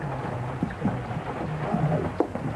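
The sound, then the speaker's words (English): Steady rain falls in a continuous, even hiss, with a low rumble underneath and a few faint thuds and tones rising briefly above the downpour. “I really do think we ought to step away out of the rain.”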